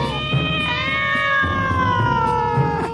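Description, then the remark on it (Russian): Cats yowl in a long, drawn-out wail that sags slightly in pitch, loud, with faint scuffling thumps underneath and no talking, as they dodge kicks and leap out of a flower bed. “Кошки, уворачиваясь от ударов, выскакивали из цветника и, наконец, скрылись в кустах.”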